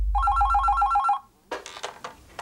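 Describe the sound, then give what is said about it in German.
A telephone rings with a rapid, warbling electronic trill for about a second, then stops, followed by a few sharp clicks and rustling bursts. This happens during a reporter's phone call to a state forestry office. “Die Telefonakquise ist erfolgreich.”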